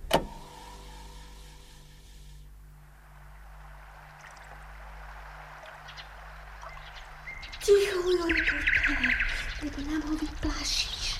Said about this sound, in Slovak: Lovili sme vtedy vtáčí spev. Slnko už zapadalo, všetko navôkol tichlo a to bola tá najvhodnejšia chvíľa na lovenie jemných vtáčích zvukov.